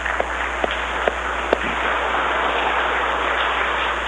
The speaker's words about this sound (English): Well, as our choir and our musicians are being seated, I'm going to invite you to give them another round of applause this morning.